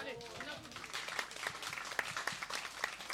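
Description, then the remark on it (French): An audience applauds a non-profit cooperative that puts over 35,000 euros a year into culture, a dense patter of many hands clapping at moderate volume for a few seconds, with a brief murmur of voices at the start. “On peut applaudir ça.”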